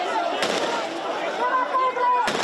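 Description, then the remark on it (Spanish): Sharp gunshots fired into the air crack over a noisy crowd of migrants held back by police: two quick shots close together, then a lull filled with murmuring voices, and a third loud shot near the end. “En varias ocasiones se han escuchado disparos al aire.”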